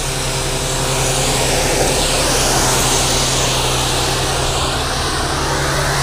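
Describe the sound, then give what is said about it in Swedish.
A loud, steady mechanical roar and hiss of a suction pump running continuously as its hose is fed into a hole, still up on the slope, with a low droning hum and broad rushing noise that holds constant throughout, no voices. “Det susar så förskräckligt när den är på, här på backen ännu.”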